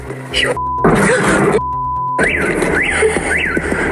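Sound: attack drone flying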